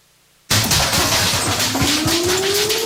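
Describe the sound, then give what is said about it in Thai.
After a moment of silence, a loud earthquake rumble bursts in: a dense, low roar mixed with rattling and clattering debris that holds steady and heavy until the end. “เสียงสั่นสะเทือนแบบนี้อย่าเพิ่งตกใจหมอบลงทันทีบังศีรษะไว้และเกาะขาโต๊ะให้แน่น”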